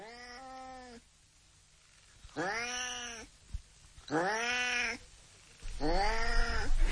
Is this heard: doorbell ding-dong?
no